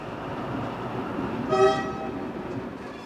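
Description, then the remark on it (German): A privately owned locomotive driving off on rails: a steady low rumble of the train rolling, with a brief whistle-like toot rising midway through, then the rumbling continues evenly. “Ja, und da fährt er dahin mit seinem Lebenstraum auf Schienen.”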